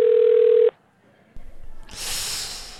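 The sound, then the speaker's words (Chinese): A single loud, steady telephone ringback tone hums for under a second and cuts off as an outgoing phone call goes unanswered and on to voicemail, followed by quiet, faint shuffling and a rising hiss of background noise. “接电话，拜托，接电话。”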